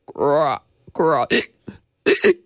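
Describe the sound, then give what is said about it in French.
A voice imitates a frog's hiccups: several short, pitched vocal hics in quick, uneven succession, fairly loud, with no words spoken. “Plus il hoquette, plus les muscles de son estomac se serrent. Freddy hoquette encore et encore.”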